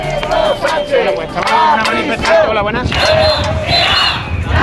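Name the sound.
protesters shouting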